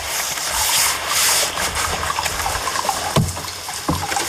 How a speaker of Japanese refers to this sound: このね、お湯が出てる音しますよね。